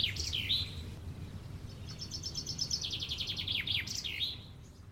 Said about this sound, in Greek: Όταν βγαίνω έξω το πρωί και ακούω τα πουλιά.